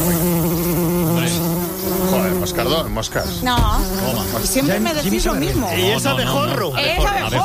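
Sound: bumblebee buzzing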